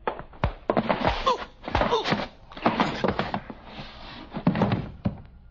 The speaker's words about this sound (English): All right. Open the door.